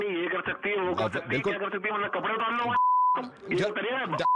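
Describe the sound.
A phone call disconnect beep as the other person hangs up on a Radio Mirchi call: a steady, flat electronic tone sounds briefly after tinny, phone-quality talking, then returns at the very end following a few more words.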